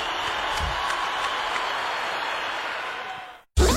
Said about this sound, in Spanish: fuerte, fuerte ese aplauso.